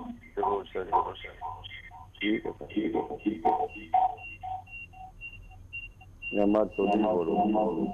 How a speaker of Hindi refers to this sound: Ram Ram sir, radio set की थोड़ी आवाज कम करो।